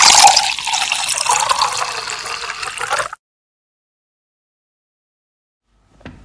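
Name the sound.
water running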